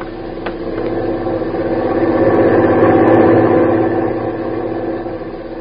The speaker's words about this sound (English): Truck is stopping in front of the boat.